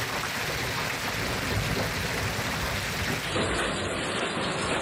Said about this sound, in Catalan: Pendents encara de les tempestes que descarreguen amb força el Pirineu i el Prepirineu, sobretot a l'Alt Urgell i la Cerdanya, i també al Camp de Tarragona i al Penedès.